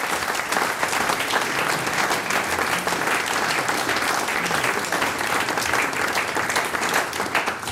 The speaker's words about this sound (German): Ein Applaus für die Herren.